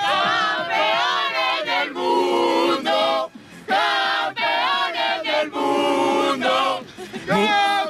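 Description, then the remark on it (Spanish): A large crowd celebrating in Colón, many voices chanting and shouting together in loud rhythmic bursts, with brief dips between phrases before the roar swells again. “y en Colón, allí hay mucha gente ahora que todavía no tenemos imágenes.”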